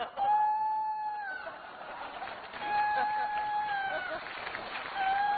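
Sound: rooster crowing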